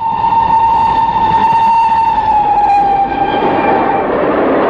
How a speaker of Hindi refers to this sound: बच्चों, रेलगाड़ी तो तुमने देखी होगी, है ना? हाँ, पहचान गए ना? रेलगाड़ी में होता है एक बड़ा सा इंजन और उसमें जुड़े होते हैं बहुत सारे डब्बे,